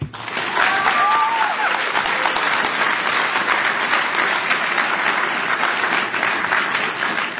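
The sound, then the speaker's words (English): Steady, dense applause from a large audience, a bipartisan round of applause for Secretary Kennedy and medical and advocacy groups working on food reform, loud and sustained for several seconds with a constant crackle of many hands clapping, and a few faint voices mixed in. “Can we get a bipartisan round of applause for Secretary Kennedy and the diverse group of medical and advocacy groups who are working together to combat special interests and deliver transformational food reform?”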